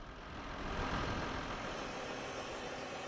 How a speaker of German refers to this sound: So, jetzt darf ich mal einen solchen Kartoffelroder, genauer den Trecker, und hinter mir ist dann der Kartoffelroder dran, selbst fahren.